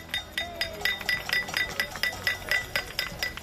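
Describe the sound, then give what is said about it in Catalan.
Many keys jangle and shake together in a steady, rapid metallic clinking, bright and continuous, with repeated pulses of ringing chinks rising and falling: a street housing protest in Spain, a cassolada held by rattling keys. “També s'hi han sumat les cassolades arreu de l'Estat, a ciutat en forma de repicada de claus.”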